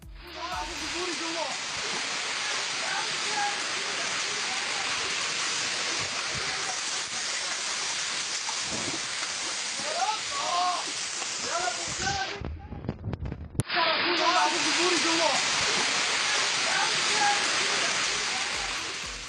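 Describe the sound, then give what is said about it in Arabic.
Rainwater rushes and pours steadily into a basement toy shop, reaching the goods, a loud, continuous roar of flowing water that briefly cuts out near the end before resuming, with faint muffled voices underneath. “أيضا لم تكن الأمطار مجرد مياه غمرت الشوارع أو عطلت حركة السير فقط، إنما خلفت أضرارا مادية جمة لأصحاب المحال التجارية في بعض المناطق، منها صاحب محل لبيع الألعاب يقع محله في قبو، إذ دخلت المياه نحو البضائع وأحدثت ضررا فيها.”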